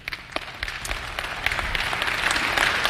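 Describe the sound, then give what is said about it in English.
An audience breaks into applause, with scattered claps at first that quickly build into steady, dense clapping filling the room for a few seconds, moderately loud with no voices. “I hope you're clapping when we get to the words to the rich.”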